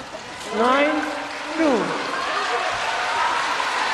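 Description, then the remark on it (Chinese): A crowd at the venue claps and cheers to encourage Wang Manyu after a hard fall, a steady, hissing wash of applause, with a loud voice calling out with rising and falling pitch early on before the clapping carries on evenly. “对，现场观众朋友们还是给予王曼玉的鼓励跟掌声。”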